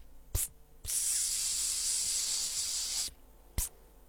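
A single sustained spray from an aerosol can, a steady bright hiss lasting about two seconds, framed by sharp clicks of the nozzle or cap before and after. Fairly loud.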